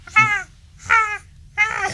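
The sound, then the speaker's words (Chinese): A crow calls three times in a slow, evenly spaced series. Each caw is loud, harsh and nasal, with no voices underneath. “呢只就系，如果有如果你听到呢个声就乌鸦，佢哋将乌鸦就乌鸦乌鸦乌鸦，所以叫乌鸦咯。”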